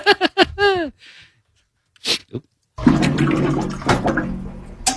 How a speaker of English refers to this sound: Is the glugging that the water cooler makes. It is exactly the glugging of a water cooler. Yes, I love this sound. So good at this game. I love this sound. You know how hard it was to find a good sound of a water cooler?